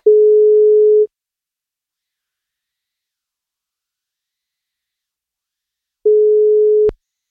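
Ringback tone of an outgoing birthday wake-up call placed by the radio station NFM: a steady one-second beep, a long silent pause, then a second beep cut short by a sharp click as the line picks up. No one speaks.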